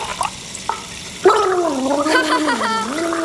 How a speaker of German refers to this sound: Wie sollen wir uns bitte schön ohne Zahnbürste die Zähne putzen? Vielleicht reicht dir auch ein bisschen gurgeln.